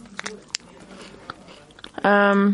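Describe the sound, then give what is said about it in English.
Crunchy biting and chewing on a Kellogg's strawberry and white chocolate cereal bar, with a few sharp crackles and softer chewing between them, ending in a short, loud voiced sound from the person eating. “I'm sorry if you don't like chewing noises.”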